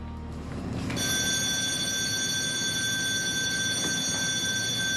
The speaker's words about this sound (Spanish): Dios. Dios mío, desaparece la señal de alarma. Simulacro de evacuación en botes salvavidas. Simulacro de evacuación en botes salvavidas.